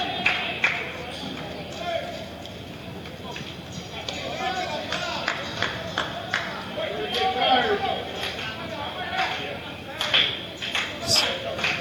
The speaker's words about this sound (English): Some slow claps beginning from the fans that are here.